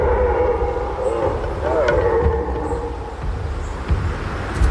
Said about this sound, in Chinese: 山里回荡着雄性欧洲马鹿示威与打斗时发出的叫声。